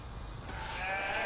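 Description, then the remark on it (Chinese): A goat on a farm in Mexico lets out a single drawn-out bleat, fairly loud, rising over a steady outdoor background hiss in the second half. “山羊600年前跟随西班牙人进入美洲，也是何塞这次宴会的主角。”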